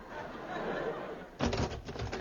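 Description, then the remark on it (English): A door sound effect: after a stretch of soft hiss, a sudden loud clatter of rattling, knocking bangs that continues in uneven bursts to the end. “Hear that sound, listeners? A door.”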